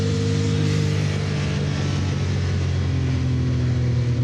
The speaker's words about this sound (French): Ah, par contre, le turbo, on l'entend bien, hein. C'est pas le turbo, hein. C'est les deux turbos. Il faut savoir que cette 962C est équipée d'un moteur 6 cylindres, 2 litres 8, biturbo.